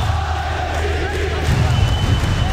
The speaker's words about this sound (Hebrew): הלכתי לישון עם תחושה טובה והתעוררתי באמצע הלילה עם קולות של צהלה גדולה.